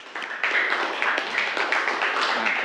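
A group of students in a classroom claps for a classmate in a steady, dense burst of applause lasting a few seconds, made of many overlapping crisp hand claps at a fairly even loudness.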